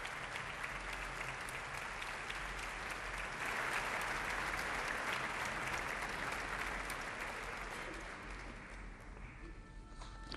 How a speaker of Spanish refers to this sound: Los aplausos que escuchaban era la salida de la concertino de la Orquesta Nacional de España